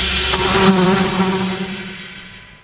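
A dense, droning buzz of many flies swarming together, loud and close at first, with a steady hum that slowly fades away over a few seconds. No voices.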